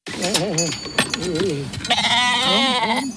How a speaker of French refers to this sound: À l'occasion d'une journée de travail avec des moutons dans un pâturage à Sonsbeau, nous sommes allés à sa rencontre.